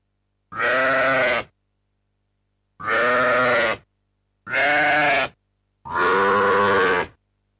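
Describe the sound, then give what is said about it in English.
Four loud sheep bleats, each about a second long, separated by short pauses, with no other sounds in between. “Or Counting Sheep.”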